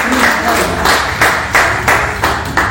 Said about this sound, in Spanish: ¿Cuántos alaban al Señor? Dele palmas al Rey en esta hora. Aleluya.